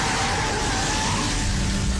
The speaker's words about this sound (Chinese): 车停好之后，关宁打开车门想走开，听到不远处的警车声。